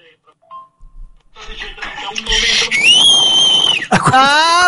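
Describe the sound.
Someone whistles over a phone voice message: a loud, sustained high tone that slides slightly, then breaks into shorter rising notes, with crackly background noise underneath.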